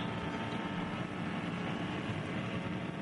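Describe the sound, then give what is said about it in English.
A racing car engine heard onboard with driver Alexander Sims as he heads up towards Schwedenkreuz, a steady, dense roar that holds at an even level for the whole stretch with no clear gear changes, and no one speaking. “On board with Alexander Sims, we're listening to the engine note as he heads up towards Schwedenkreuz.”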